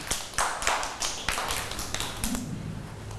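A group of children in a classroom clap their hands for a classmate who answered correctly, a loose, uneven burst of sharp claps. The clapping is fairly loud, then fades out toward the end. Nobody speaks.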